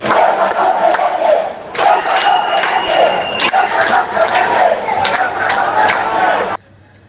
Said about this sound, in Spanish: Y es que así han gritado los ceutíes mientras esperaban la llegada de Sánchez al ayuntamiento de la ciudad.